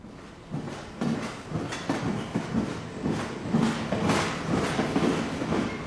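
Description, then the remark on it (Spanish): A train rolls steadily along the rails with a continuous rumble and repeated clickety-clack beats from the wheels, loud throughout, with no voices. “Hoy vamos a hablar de una de las grandes transformaciones que vivió nuestra región. La llegada del ferrocarril.”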